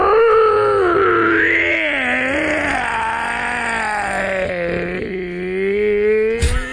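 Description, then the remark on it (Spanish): A person imitates a long, hoarse, wolf-like howl, a single sustained rough-throated wail that rises and slowly falls over several seconds, loud, ending with a brief sharp noise. “Hacía un aullido como si fuera un lobo. ¿Cómo? Pero un lobo ronco, así como con problemas en la garganta.”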